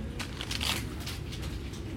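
A sheet of paper is handled and turned over, giving a few crisp rustles and crinkles over a low steady background hum, with no voices.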